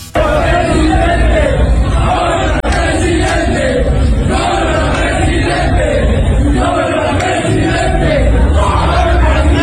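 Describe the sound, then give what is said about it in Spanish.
A group of men in a stadium restroom loudly chant and shout "presidente" in unison at Jalisco governor Pablo Lemus, their voices echoing, with a continuous crowd roar for the whole stretch. “Le gritan presidente a Pablo Lemus.”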